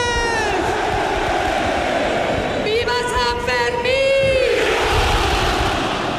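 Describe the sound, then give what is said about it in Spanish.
A dense crowd roars and cheers steadily, with chanted shouts rising over the din, while a festival rocket's thin whistle climbs briefly through the middle of the noise. This is the rocket and the traditional shout of 'pamploneses y pamplonesas' opening the Sanfermines 2026 in Pamplona. “Con el sonido del cohete y el tradicional grito de pamploneses y pamplonesas.”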